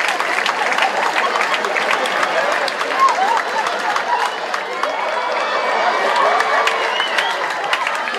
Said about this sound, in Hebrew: איפה כפיים